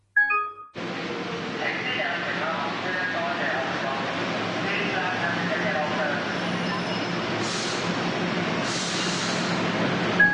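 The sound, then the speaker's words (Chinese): A subway train rumbles steadily through Diamond Hill metro station on its opening day, 1 October 1979, a dense wash of mechanical noise with a murmur of voices underneath and two brief hissing bursts near the end. “当日10月1日。除了是钻石山地铁站开幕之外”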